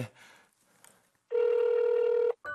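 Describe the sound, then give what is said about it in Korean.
A loud, steady electronic phone ring sounds for about a second, stops, then starts again briefly, following a quiet stretch of faint rustling. “아유, 친구라고 또 전화 엄청 했을 텐데.”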